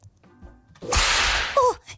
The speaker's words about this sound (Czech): Jo, úplně sweet, cute, jak mám být tak roztomilá, když mě práskneš bičem?